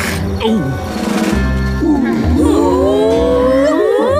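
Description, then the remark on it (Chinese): A pack of hunting dogs in the Octonauts (海底小纵队) cartoon gives off overlapping growls and cackling, laugh-like whoops as they prepare to hunt, their pitches wavering up and down, loud and continuous throughout. “我觉得他们不是在笑，这应该是他们准备捕猎的时候发出的声音。”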